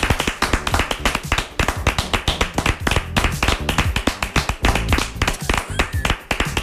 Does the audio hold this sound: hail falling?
no